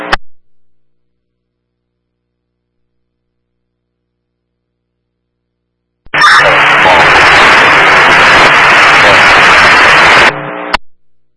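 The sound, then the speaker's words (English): A loud burst of harsh radio static, about four seconds long, with a garbled, unintelligible transmission buried in the hiss before it cuts off abruptly. “One on that, I can't copy, I got all static.”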